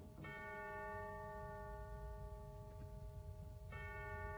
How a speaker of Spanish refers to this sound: El viejo reloj de la plaza central del barrio chino dejó escapar 12 campanadas y Takashi Chani se estremeció.